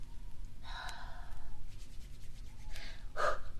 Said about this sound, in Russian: Ты чё пыхтишь? Пахтю я, руки грею, спину сильно.